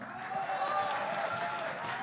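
A crowd applauds steadily, a dense wash of many hands clapping at once with a bit of cheering mixed in, holding at an even, fairly loud level throughout.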